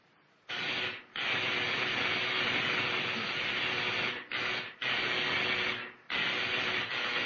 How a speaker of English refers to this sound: Now, I adjust these dials. Turn on the electrical generator and...